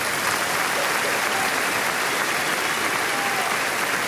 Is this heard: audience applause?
yes